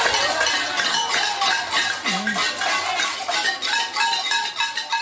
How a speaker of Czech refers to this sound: stále delším výpadkům elektřiny, které v některých čtvrtích Havany trvaly až 22 hodin, místní obyvatelé zapálili na několika místech barikády a protestovali proti vývoji této situace také tradičním latinskoamerickým způsobem, boucháním do hrnců.